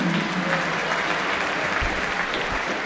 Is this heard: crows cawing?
no